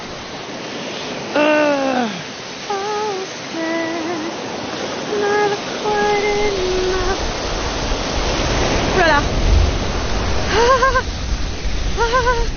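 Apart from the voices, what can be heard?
splashing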